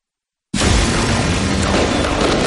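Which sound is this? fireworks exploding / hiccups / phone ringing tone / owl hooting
fireworks exploding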